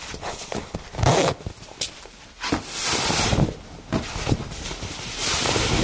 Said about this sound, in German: und mich ausziehen. Denn je weniger man anhat, desto besser ist die Größenempfehlung, steht hier.